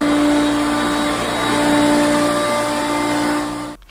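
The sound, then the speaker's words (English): A very old upright Hoover vacuum cleaner motor drones steadily and loudly with a strong tonal hum, then abruptly switches off near the end, leaving a brief clatter. “That actually reminds me of my grandparents, and it kind of looks like my grandparents' Hoover, which is a very old upright Hoover that sounds more like a machine than a sort of...”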